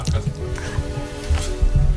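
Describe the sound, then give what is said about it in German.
Several voices blow forceful "pft" plosives straight into a microphone without a pop filter. Each one lands as a boomy low thump with a breathy burst, repeated in quick succession over a faint steady hum. “Wir wollen probieren, wie ist es mit Plopp-Schutz und wie ist es ohne Plopp-Schutz?”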